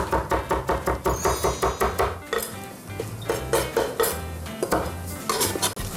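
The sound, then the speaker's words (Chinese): Crisp knife strokes tap steadily against a cutting board as tofu skin is sliced into strips, a quick even run of cuts that slows into scattered, irregular chops, with no voices. “对，好，豆皮切丝。”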